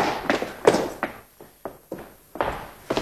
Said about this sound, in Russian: Что за шум? Все тихо, мой лейтенант. Я слышал топот. Может быть, мыши? Они водятся в подполье.